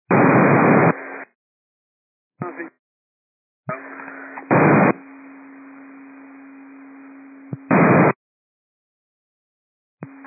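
Bursts of harsh radio static open and close around a sustained steady alert tone held for several seconds, dispatch paging tones sent to the unit Air Cascade over a scanner, with no voices.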